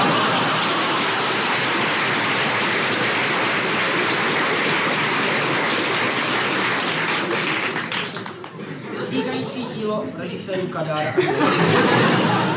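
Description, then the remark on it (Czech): A crowd applauds in a loud, dense, steady wash of clapping for about eight seconds. The clapping then thins out and people's voices come through. “Však jim taky tleskají.”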